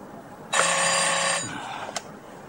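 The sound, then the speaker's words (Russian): A single loud burst of an old telephone bell ringing for about a second, then fading, followed by a brief click like a receiver being lifted, in the office of a port fleet's deputy chief. No voices. “Айвазов разговаривает по телефону.”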